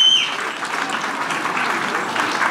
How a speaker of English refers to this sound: And joining us today is Union Minister for Parliamentary Affairs and Minority Affairs, Shri Kiran Rijiju, here with us in People's Sansad, in front of a young bunch of fine young minds. Huge round of applause.